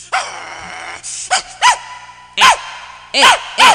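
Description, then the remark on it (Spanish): A dog yelps and whines at first, then lets out a series of sharp, loud barks in irregular bursts, with no one talking. “Cada 21 de julio se celebra el Día Mundial del Guaguau, dijeran los bebés, ¿va?”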